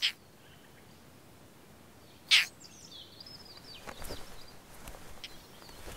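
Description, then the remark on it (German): A European roller in Latvia gives two short, harsh, high courtship calls about two seconds apart over a soft hiss of background noise, followed by faint rustling and scattered fainter bird sounds. “Auch deswegen sind Racken bei uns so selten geworden.”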